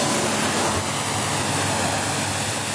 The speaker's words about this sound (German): Sagt der Werftsbesitzer zu Wallenstadt und spritzt gerade das nächste Motorboot ab.